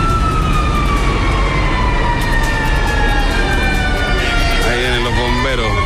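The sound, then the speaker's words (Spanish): A fire engine's siren wails loudly, its pitch sliding slowly downward and then warbling near the end, over a heavy rumble of engine and street noise, as firefighters arrive at an overturned car on Gran Avenida near Metro Ciudad del Niño. “Llegaron los bomberos recién, pleno procedimiento aquí en Gran Avenida, auto volcado.”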